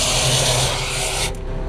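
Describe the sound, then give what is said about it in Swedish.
A suction hose, with the suction pump running, is fed into a hole with a steady, loud rasping rub and airy hiss that drops off sharply just before the end as the hose goes down into the hole, leaving a duller rumble. No voices. “Och nu far slangen in dit i hålet.”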